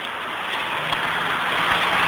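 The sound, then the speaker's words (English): A steady, dense roar of road traffic going past on a street beside a pavement, continuous and fairly loud, with no single vehicle standing out and no voices. “It's like a miniature volcano in the middle of the pavement with traffic on one side and a hoarding on the other, so you can't get around it.”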